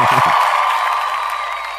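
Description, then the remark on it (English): A canned applause and cheering effect played on a show when a guest answers a question correctly: a steady, loud wash of crowd clapping and whoops that holds for under two seconds and fades only slightly, with a brief low thump at the start. “Let me clap for you on that.”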